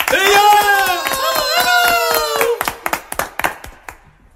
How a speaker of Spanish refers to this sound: Fuerte el aplauso.